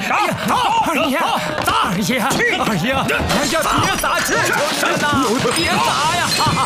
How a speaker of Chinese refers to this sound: 二爷，我求求你了，千万别 使劲砸呀！ 二爷，求求你了，求求你了，求求您了，哎，求求！